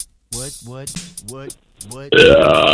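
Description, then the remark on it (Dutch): Four short, deliberate belches made on command in quick succession, loud, then a harsher, raspy blast of noise to finish. “Allee, je kunt boeren op commando, maar dat is next level.”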